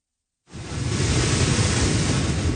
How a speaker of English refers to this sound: Category 4 Hurricane Polo is battering southwestern Mexico, sending massive waves crashing into beachfront homes and dragging debris through the streets.